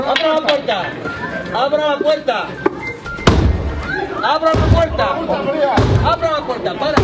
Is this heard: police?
yes